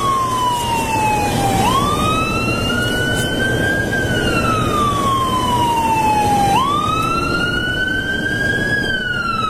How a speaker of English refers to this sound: Here comes squad. Here comes a guy, full lights and siren.